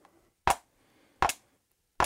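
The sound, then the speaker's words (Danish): Three evenly spaced strikes made with two ballpoint pens, each a sharp, full-bodied thump that fades quickly, keeping a slow steady beat with quiet gaps and no talking. “Så tager jeg lige to kuglepinde, og nu slår jeg de faste taktslag.”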